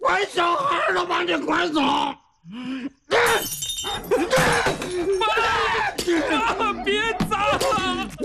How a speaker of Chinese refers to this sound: 爸，别砸了，家里快砸光了。